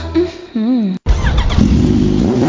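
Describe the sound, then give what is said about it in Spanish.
A motorcycle engine revs up and down in short, loud bursts, cuts out for a moment, then roars back with a steady, throaty rumble. “Muévete más rápido y llega más lejos con Lumimotos Bajaj. Conoce su amplia variedad de motocicletas”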